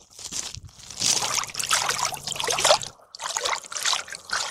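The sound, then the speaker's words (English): Water trickles and sloshes in uneven, splashy bursts, with a short pause partway through before the sloshing picks up again; the water is a little cold. No one speaks. “The water's not cold yet, but it's probably because it's also still kind of warm out.”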